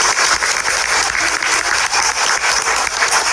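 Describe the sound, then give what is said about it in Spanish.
Steady, loud applause from an audience as school officials are introduced, a dense wash of many hands clapping at once with no pauses, continuing evenly throughout with no voices standing out. “Fuerte los aplausos.”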